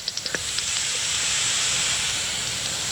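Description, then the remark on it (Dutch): A foraging common pipistrelle bat calls through a bat detector, coming in at about 50 hertz: a quick, even run of about five small wet plops at the start, then a steady, loud hiss with no voices. “Hoort van die kleine natte plopjes. En dat is dan de dwergvleermuis.”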